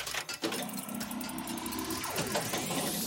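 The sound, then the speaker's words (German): Steady low engine rumble fills the inside of a moving car, loud and continuous, with a rising whine partway through as the engine revs up. A mother is driving the car with her children inside. “Bei dir rumpelt es aber auch ordentlich. Ja, ich bin gerade im Auto mit meinen Kindern.”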